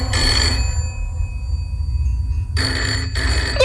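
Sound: telephone ringing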